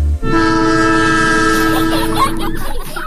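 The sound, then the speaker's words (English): A loud train horn sounds one long, steady blast over the rumble of rolling rail cars, then cuts off, leaving the train noise rattling on briefly. “Monday, August 3rd, trade screen time for train time in Ogama.”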